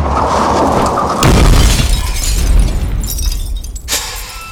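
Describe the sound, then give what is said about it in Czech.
A vehicle rumbles along on Mars, then a sudden heavy crunching crash as it runs over a probe, followed by rattling, shattering debris and a final sharp clatter. No one speaks. “Přejeli jsme druhou sondu.”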